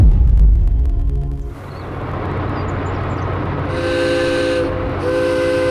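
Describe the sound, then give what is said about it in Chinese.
A freight train horn blares in two long, loud blasts over the steady rumble and clatter of a heavy China-Europe Railway Express train loaded with photovoltaic modules starting to move out of Shijiazhuang International Land Port in Hebei, China, bound for Central Asia. “汽笛长鸣，石家庄国际陆港内一列满载光伏组件的中欧班列缓缓启动，驶向中亚腹地。”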